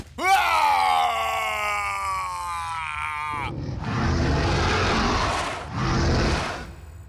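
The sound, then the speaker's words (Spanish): A loud, sustained roar: first a strained, harmonic bellow that rises in pitch and holds for about three seconds, then a rougher, noisier rumbling roar that swells twice before ending. “Apuesto a que no puede rugir tan fuerte como yo.”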